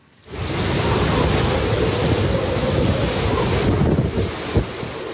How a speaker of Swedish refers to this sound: Stormen slår mot kusten på den japanska ön Okinawa med 12 meter höga vågor. Vinden piskar och nästan välter träden i videon från nyhetsbyrån Reuters. Tyfonen Bavi drar just nu med full kraft över Sydostasien.